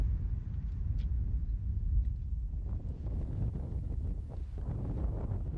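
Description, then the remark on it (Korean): Steady wind blows hard across a sunken basin in the middle of silent, desolate mountain land as the temperature drops, a constant low roar and buffeting rumble with no voices, at a fairly even loudness. “기온은 뚝 떨어지고 바람소리 외에는 아무것도 들리지 않는 적막한 땅 한가운데 움푹 패인 분지가 드러납니다.”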